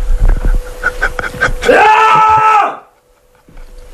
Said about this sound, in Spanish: Me voy a levantar un momento de plano, algo que no se debe hacer en este programa, pero por favor, no cortéis, es que me voy a levantar de frustración, ¿vale? Para meter un grito como en tu espectáculo.